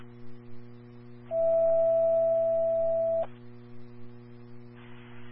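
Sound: dispatch radio alert tones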